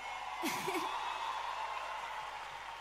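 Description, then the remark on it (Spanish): A concert audience in Viña del Mar, Chile, applauds steadily for two female singers of the band, a dense wash of clapping with a brief whoop or cheer rising early on, fairly soft throughout. “Un aplauso para ellas que están siempre bancando ahí.”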